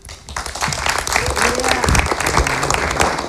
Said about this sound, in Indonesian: Luar biasa, tepuk tangan untuk Wamen Stella. Terima kasih paparannya luar biasa.